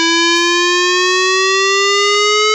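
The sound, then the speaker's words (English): An outdoor warning siren being tested in the Red Lynch Valley, Brinsmead and Freshwater areas of Cairns blares a loud, continuous tone whose pitch creeps slowly upward, steady and unbroken throughout with no voices present. “If you'll be in these areas during this time, please be prepared as you will hear a siren sounding like this.”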